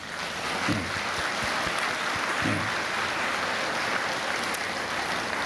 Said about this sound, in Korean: 우리 민족 문화 차원에서 우리가 이것을 하는 것이기 때문에 이번 종문에서도 굉장히 일을 잘해가지고 종문장 진우 스님과 종문 여러분들께도 한번 박수 줍시다.